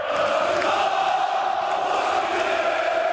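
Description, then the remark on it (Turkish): Fenerbahçe club members and Aziz Yıldırım chant and cheer together, celebrating his election victory, in a steady, dense roar of voices that is loud and continuous with no pauses, shouting in unison. “Aziz Yıldırım seçim galibiyetini üyelerle birlikte tezahürat yaparak kutladı.”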